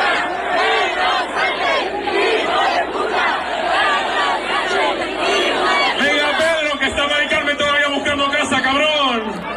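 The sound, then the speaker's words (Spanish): A large crowd of thousands of young people singing and dancing at an afternoon party of the Sementera festival in Torrijos, Toledo, chants and shouts together, loud and dense throughout; partway in, the massed voices shift into a steadier, drawn-out sung chant. “Pues tardeo de fiesta con miles de chavales cantando y bailando.”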